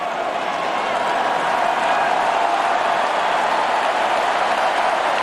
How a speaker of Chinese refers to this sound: 观众也是在给迪亚福加油啊，他们对于现场的观众来说，他们希望看到一场争夺更激烈啊、更精彩的比赛。